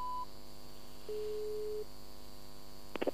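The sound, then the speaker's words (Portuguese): A telephone busy tone after a call is hung up: a short higher beep, then a steady low electronic tone lasting under a second over faint line hum, ending in a few brief clicks. “Porquê é que desligaste o telefone ou caiu a chamada?”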